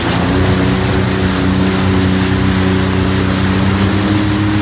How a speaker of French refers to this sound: Tu peux accélérer un petit peu, là, ou... Ouais, un petit peu, là, on peut écouter un petit peu le moteur ronronner, ouais.